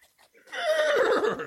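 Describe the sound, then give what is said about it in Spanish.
A horse named Pillo lets out a loud whinny with a shaky, wavering pitch. It comes in after a brief quiet moment and lasts about a second. “Nunca me había montado sobre un caballo.”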